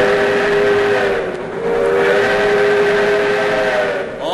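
A loud steam whistle of the Skunk Train sounds in two long, sustained blasts over the steady low rumble and clatter of the rolling train, with no one speaking.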